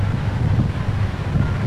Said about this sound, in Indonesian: Angin.